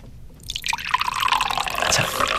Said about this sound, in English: Do you want to give us a healthy pour as well into one of those glasses?